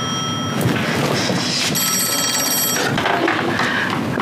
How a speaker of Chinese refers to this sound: 哎，接电话。 你咋不接？ 肯定是你嫂子。 我不接。